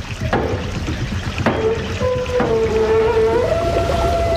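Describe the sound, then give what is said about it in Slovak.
Water from a mill race rushes steadily through a raised mill sluice gate, with a few sharp knocks and drawn-out creaking tones that slide and rise in pitch over the loud, continuous wash. “Zdvihnite stavidlo.”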